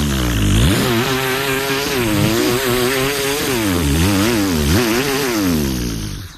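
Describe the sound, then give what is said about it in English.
Someone imitates a chainsaw with their voice: a loud, continuous buzzing drone that revs up and down in pitch for several seconds, with no other talking. “I can give you a chainsaw noise if you want.”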